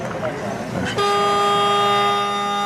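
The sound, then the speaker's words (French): After a second of voices and chatter, a loud game buzzer blares in one long, steady, reedy tone that holds unbroken to the end, marking the end of a minute of play. “C'est le buzzer qui indique que cette minute de jeu pourra.”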